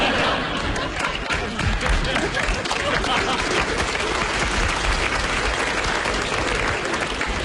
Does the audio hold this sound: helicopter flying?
no